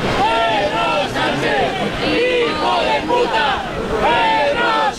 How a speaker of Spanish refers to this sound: Son las lindezas, los cánticos, los abucheos al presidente del gobierno, de los que se autoperciben como muy patriotas, que han decidido que tienen a bien lanzar estos cánticos contra la persona que representa a la presidencia del gobierno de España